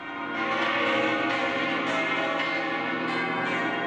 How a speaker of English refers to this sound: And those there are the bells of the Almudena Cathedral in Madrid. And they've been ringing out to welcome Pope Leo on his trip to Spain.